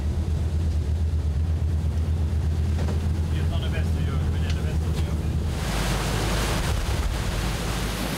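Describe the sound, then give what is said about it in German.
A pilot boat's engine drones low and steady while waves coming from astern wash and slap around the hull, with gusty wind buffeting the microphone; near the end a louder rush of water and wind swells up. “Da haben wir die Welle schön von Achtern. Dann ist es halt nicht so extrem, wie wenn man die Welle von vorne hat.”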